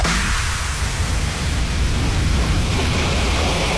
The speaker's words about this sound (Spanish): ese sonido de olas, gaviotas, el mar, la playa.